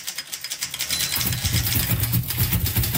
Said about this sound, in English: Typewriters were built with keys, akin to the keyboard of a piano. By pushing the keys, or buttons, of a typewriter, people could write much faster than they could with pen and paper.